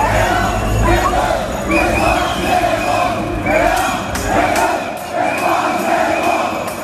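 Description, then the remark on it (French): A large crowd of football fans celebrates on Place d'Erlon in Reims, France, with car horns, after France's 3-0 World Cup win that qualified them for the round of 16. A loud, continuous roar of cheering and chanting with repeated swells of shouting voices throughout. “Vous avez sans doute entendu des coups de klaxon hier soir, cette nuit même évidemment, et c'était le cas sur la place d'Erlon à Reims.”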